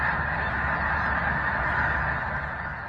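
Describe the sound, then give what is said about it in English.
A massive flock of thousands of snow geese at Big Lake State Park honks continuously, overlapping calls merging into a dense, steady roar that fills the whole scene without a break. “And another picture from Big Lake State Park had me rubbing my eyes, and it has what looks like thousands of snow geese.”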